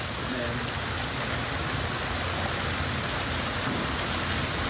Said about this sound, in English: I mean, our roof is metal, and you can hear the rain. Anybody listening to the CD or on the video, you can start hearing rain, probably in the background.